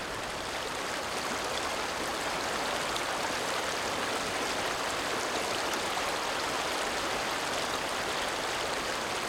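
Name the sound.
flowing river water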